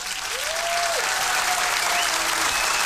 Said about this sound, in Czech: Ano, potlesk pro vítěze,